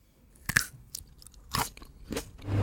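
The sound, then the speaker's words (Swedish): Crisp green grapes being bitten and chewed, with several sharp crunchy bursts at irregular intervals and quieter mouth sounds between them. No one speaks. “Ja, det handlar om krispiga vindruvor som skapat hysteri i sociala medier.”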